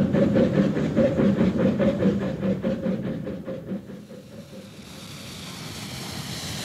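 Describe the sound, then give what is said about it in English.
A train rumbles along the rails with a steady rhythmic clatter, loud, then fades into a softer hiss of rushing air and rolling noise. “Even as I grasped the handle of the door and wrenched it open, the train lurched, flinging me forward.”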